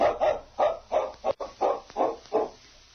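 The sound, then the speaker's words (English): A dog named King, set to follow a scent from a piece of cloth, barks in a quick, steady series of about eight sharp, mid-pitched woofs, each fairly loud and evenly spaced, with no voices over it. “King can follow their scent without tracks.”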